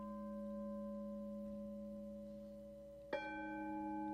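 A Tibetan gong hums with steady, layered ringing tones, then is struck again near the end, adding a sharp attack and bright shimmering overtones that keep sustaining. No one speaks.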